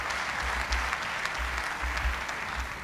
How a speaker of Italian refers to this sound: Sono venuto apposta per restituire. Pausa ancora. Applausi del presidente.